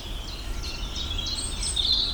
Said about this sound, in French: Rouge gorge là.